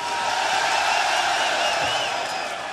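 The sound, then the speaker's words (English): A rock concert crowd in Brixton cheers and shouts in a dense, steady roar that stays loud for the full few seconds, with scattered whoops rising above the wash of voices. “So let me hear it for rock and fucking roll, Brixton. You can do better than that.”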